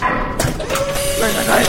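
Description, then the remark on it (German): An inner airlock door mechanism opens with a steady whirring whine over a hiss of noise, moderately loud, lasting under two seconds. “Innere Tür wird geöffnet.”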